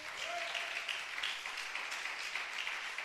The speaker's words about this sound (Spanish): Denle ese aplauso al Señor, pues.